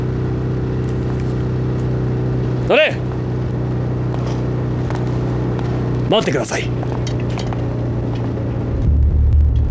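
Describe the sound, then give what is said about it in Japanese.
A car engine idles with a steady, low droning hum throughout, while a couple of short spoken phrases cut in over it; the car belongs to a special unit of an army military police headquarters and is loaded with chemicals. “この車は竹機関のものではない。”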